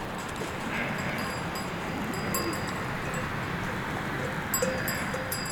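A flock of ewes on the move in the mountains at about 1900 metres altitude, on grass and snowfields under a strong sun, a steady dense patter of many hooves shuffling, with faint tinkling bells now and then and no voices.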